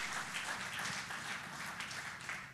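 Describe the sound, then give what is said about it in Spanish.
A church audience applauds the Lord steadily, many hands clapping together in a dense, even wash of sound that holds at a moderate level throughout, with no voices on top. “Démosle un fuerte aplauso al Señor, porque Dios es extraordinario.”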